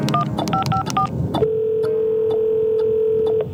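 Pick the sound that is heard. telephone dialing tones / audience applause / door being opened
telephone dialing tones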